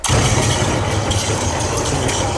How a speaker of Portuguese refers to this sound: Mas isso, o céu está limpo, não é um bocado estranho este barulho dos trovões? Opa, é para dar mais intensidade, mais ênfase à intensidade dramática.